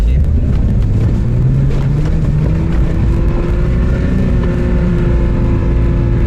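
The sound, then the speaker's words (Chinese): A car engine revs hard under heavy throttle in soft sand, a loud, steady low drone whose pitch climbs slightly and holds, with rumbling wind noise throughout, as the driver demonstrates trying to climb without enough speed, and speed fails to build. “你看现在这个车挂到第四二档，动力是够的，然后呢，你就是很给油看，很给油。”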